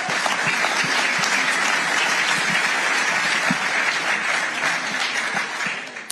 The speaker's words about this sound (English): And I think both of you truly deserve an incredible round of applause.